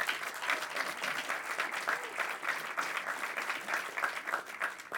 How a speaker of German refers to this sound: Sie dürfen immer, immer klatschen. Das ist ganz wichtig für uns auf der Bühne, dass wir da ein Echo bekommen, vor allem für die Kandidaten.